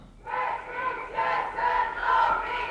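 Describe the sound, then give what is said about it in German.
A crowd chants in unison at a feminist demonstration on 13 June in Winterthur, on the Steinberggasse, in sunny but slightly windy weather. Voices rise and fall in repeated rhythmic bursts about every half second to a second, loud and steady with no single speaker standing out. “Wir sind vor Ort da an der feministischen Demonstration heute am 13. Juni.”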